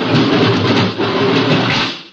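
The outer door of a diving lock opens with a loud, steady rush of surging water that holds for about two seconds before tapering off. No voices.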